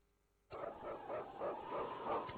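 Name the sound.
sled dog barking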